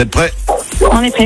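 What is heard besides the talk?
dog barking in background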